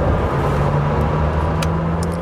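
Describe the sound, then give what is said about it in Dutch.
A loud Lamborghini Temerario supercar engine drones steadily, a deep continuous rumble with a humming tone and no talking, holding an even level throughout. “De Lamborghini Temerario.”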